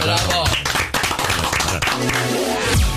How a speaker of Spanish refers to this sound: Pero aplaudimos. Aplaudimos poco. Digamos. ¿Aplaudimos poco? Aplaudimos.